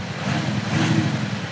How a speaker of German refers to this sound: So klingt der Wagen ohne Soundgenerator.